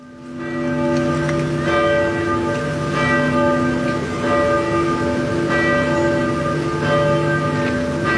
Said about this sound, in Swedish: kyrkklockorna har ringt på flera håll i Norge för att hedra den avlidne kung Harald